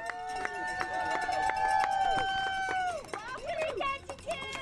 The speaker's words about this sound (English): It's a rare sunny evening at a boat harbor in the heart of downtown. A few dozen spectators cheer on the northbound Nutters, a team of four men aboard a yellow, multi-hull sailboat that's gliding toward the dock.